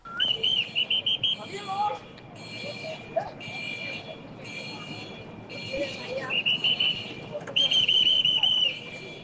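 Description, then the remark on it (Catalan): Shrill, trilling warning whistle blasts at Port Vell in Barcelona, near Maremagnum, warning that the walkway is about to move: a quick series at the start, then longer warbling blows toward the end, loud over a steady busy ambient hum with faint murmuring voices. “Déu-n'hi-do, el del xiulet.”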